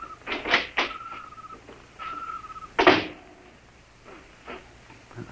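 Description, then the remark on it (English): A small side door of a silo is opened in the dark with a few rattling knocks and a drawn-out creaking squeal, then a louder clunk of the latch, followed by softer shuffling handling noises, with no one speaking. “Here's the door.”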